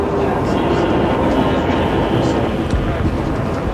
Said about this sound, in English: Again, the wheels move round and round as we head toward the capital from Chicago and the Baltimore and Ohio. This train.